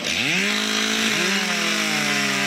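A chainsaw revs up sharply and then roars steadily, its engine pitch settling into a continuous loud whine as it bites through timber, with no voices, at a competitive lumberjack event, the 5th annual Canadian Lumberjack Championship stop at York Centennial Park, Mactaquac, New Brunswick, Canada.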